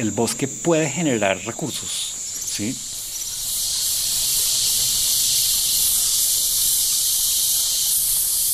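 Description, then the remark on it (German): A dense, shrill chorus of cicadas in the humid jungle of Colombia's lowlands, heard along a river upstream toward its source, buzzes continuously, swelling noticeably louder after the first few seconds and then holding steady, with a few brief tonal calls near the start. “Ein auf- und abschwellendes Konzert von Zikaden begleitet uns den Flusslauf hinauf bis zur Quelle, die sich in einem kleinen langgezogenen Wasserfall aus einem Felsmassiv ergießt.”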